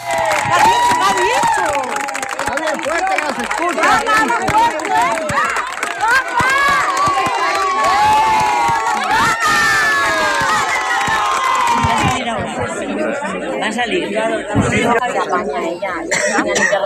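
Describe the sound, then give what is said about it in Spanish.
A crowd at the doors of a courthouse cheers and shouts, celebrating a court sentence ordering a deportation to Colombia, many voices overlapping in a loud, sustained din with whoops and raised cries throughout. “Ayer a las puertas del juzgado, las personas que acudieron para conocer la sentencia la celebraban de esta manera.”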